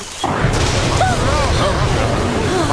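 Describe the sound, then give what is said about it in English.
A lightning strike in a tropical rainforest hits with a sudden loud crack of thunder, followed by a heavy, sustained rumbling roar that stays loud throughout, with faint voices rising briefly within it. “That sounded close. It certainly did. Fire! It must have been the lightning.”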